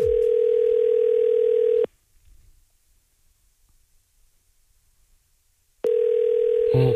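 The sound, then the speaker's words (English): A phone call to a prize-draw entrant rings out: a steady, buzzy ringback tone sounds for about two seconds, falls silent for four, then starts again, thin and slightly hissy like a telephone connection. “Let's see if the person at the other end of this phone number has the chaos code word that we require.”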